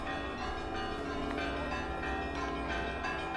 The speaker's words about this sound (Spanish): Las tropas alemanas son recibidas con el tañido de las campanas.